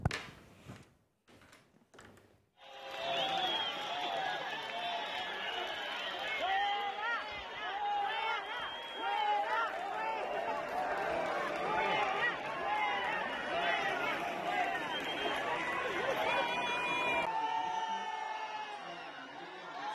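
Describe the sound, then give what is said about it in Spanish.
After a few quiet seconds with faint clicks, a loud crowd of Melilla citizens at the Día de Melilla event erupts into continuous mixed shouting as Elma Saiz and the government delegate arrive, with cheers and jeers overlapping in a dense, steady roar of many voices until the end. “Y los ciudadanos de Melilla las han recibido con división de pareceres, creo que podemos ver.”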